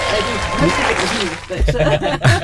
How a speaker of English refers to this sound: Did you hear the claps?